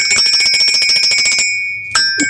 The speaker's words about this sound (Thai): แน่นอนเสียงแห่งความสดใสกับกระดิ่งสีแดง